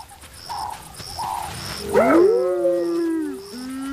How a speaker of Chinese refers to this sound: 斑鬣狗的叫声是不能把沼泽地雌狮赶走的。